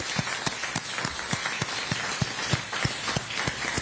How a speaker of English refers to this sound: But before you leave, like all of us in here, man, just to give us a big round of applause and cushion. Cheers.